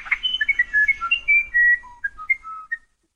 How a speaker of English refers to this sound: Among all the wrens, which is the most legendary singer? It's a tough decision, but many would choose South America's musician wren. Learn more about this little bird's special song